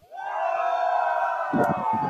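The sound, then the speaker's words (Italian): A large crowd counts to three, then lets out one long collective shout as loud as they can, held steadily for over a second before breaking into scattered, choppy voices and noise. “E allora, facciamo un urlo a 3, più forte che possiamo, perché ci sentano pure in quel passo palazzo e ca che stanno già urmenne.”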